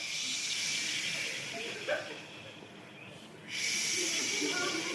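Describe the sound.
A group of people imitate the sea with a steady, breathy hissing and shushing, like surf washing in; it thins out briefly midway, then swells back up to full strength.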